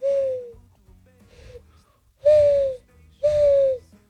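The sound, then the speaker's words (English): A person imitates a mourning dove's cooing with four hollow, hooting notes, two softer ones followed by two louder, longer coos, with no other talking. “Morning dove. Yeah, ready? Morning dove.”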